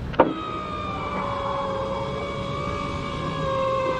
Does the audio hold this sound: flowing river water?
no